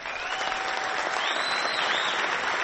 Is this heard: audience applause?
yes